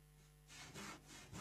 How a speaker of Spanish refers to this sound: A la pucha. Da miedo, ¿eh? Da miedo el filo de ese serrucho, ¿eh? Pero no hace falta ni siquiera lijar después de eso. Ay, ay, ay. El serrucho en acción, sí, señor.